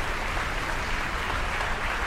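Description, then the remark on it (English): Steady, dense applause from a concert audience for conductor Yadar Binyamini and the orchestra, a continuous crackle of many hands clapping at an even level throughout, with no voices. “invites the orchestra to stand. Acknowledges the applause, has them sit.”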